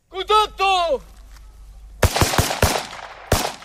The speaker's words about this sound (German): Ein improvisierter Militärübungsplatz im Nordosten der Ukraine. Ein paar Soldaten rennen über das Gras und schießen auf in den Boden gesteckte Zielscheiben. Es ist eine Übung.